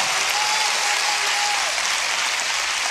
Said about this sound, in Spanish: Oh, denle un aplauso fuerte hasta que se te caliente las manos.